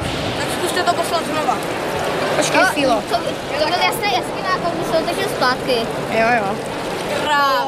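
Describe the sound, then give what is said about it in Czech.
Steady rushing and splashing of water flowing through a small model of a whitewater canoe channel, where visitors move obstacles to change the flow. The sound is continuous, with several voices chattering and calling out over it throughout. “Návštěvníci můžou přesouvat překážky a sledovat, jak i drobná změna ovlivní proudění vody nebo průjezd lodí,”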